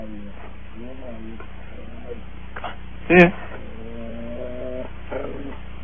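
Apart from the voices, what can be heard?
dog vocalizing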